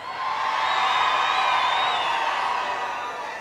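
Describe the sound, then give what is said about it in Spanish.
A large concert crowd roars and cheers loudly in one sustained, dense wave of shouting, answering the performer's call for a loud shout from the people who came from other places; it holds steady for a few seconds before easing slightly at the end. “Ahora un grito bien fuerte, la gente que viene a otros lares.”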